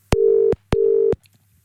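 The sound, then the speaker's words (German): A telephone ringing tone sounds twice as a caller's number is dialled back: two steady, evenly pitched bursts of about half a second each separated by a short pause, fairly loud and clear with no voices. “Da drücke ich mal da drauf, dann da drauf und dann klingelt's.”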